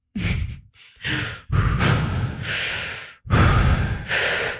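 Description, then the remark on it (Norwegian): Three deep, audible breaths taken with eyes open before coffee, each a full inhale followed by a long, airy exhale, in a slow steady rhythm with no talking. “Det første er at du skal puste før kaffe, 3 dype pust med åpne øyne.”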